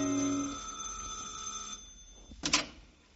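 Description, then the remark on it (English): An electric doorbell at a second-floor apartment in a canopied apartment house rings in one steady, buzzy metallic peal for nearly two seconds, then cuts off; a brief sharp clatter follows after a short pause, with no voices. “And on the second floor, ring a bell.”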